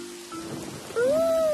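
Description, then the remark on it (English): Steady rain hisses during a thunderstorm on a hot day, with a low rumble underneath; about halfway through, a louder sustained tone swells in over the downpour. No one speaks. “The thunderstorm has brought a lot of rain.”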